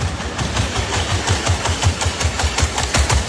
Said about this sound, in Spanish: Esto es el robot corriendo, ¿eh? Esto no es otro tipo de máquina. Dice una lavadora ahí centrifugando. No. Son las zancadas del robot. O sea, ya solo escuchar el sonido a mí me da miedo.